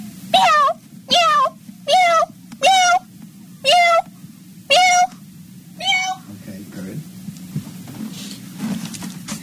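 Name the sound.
person imitating cat meows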